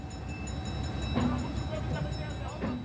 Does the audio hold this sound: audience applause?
no